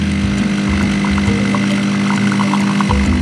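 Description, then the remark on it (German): A coffee machine brewing: a loud, steady mechanical hum and buzzing drone runs unbroken throughout, with faint ticking and gurgling flickers on top and no voices. “Das ist die Kaffeemaschine, glaube ich. Na, damit hast du natürlich vollkommen recht.”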